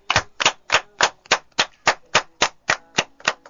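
An audience claps in unison, about a dozen sharp, evenly spaced claps in a steady rhythm, fairly loud and with no talking; applauding for a woman who has just spoken.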